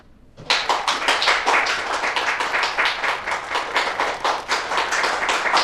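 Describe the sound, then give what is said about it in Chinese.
Audience clapping for a man introduced to tell of his own experience bursts in after a brief quiet moment and continues steadily, a dense patter of many hands with no voices. “大伙儿都别鼓掌了。”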